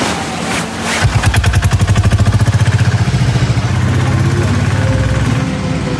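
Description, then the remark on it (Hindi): A motorcycle named Nandu starts and runs steadily, its rapid, even chugging pulses continuing throughout with a slight rise in revs midway. “हे, nice bike यार। Thanks. इसका नाम नंदू है। बैठो।”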